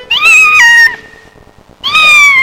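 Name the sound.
kitten meowing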